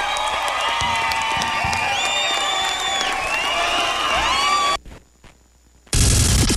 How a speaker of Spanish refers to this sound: Un aplauso a la dinamita.